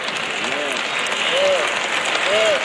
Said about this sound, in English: Y'all notice how the claps are getting lower and lower and lower.